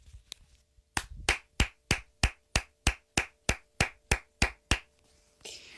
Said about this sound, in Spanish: pero fuertísimo aplauso.